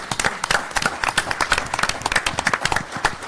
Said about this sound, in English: I love it when there's a room full of government officials clapping for themselves. Pat myself on the back.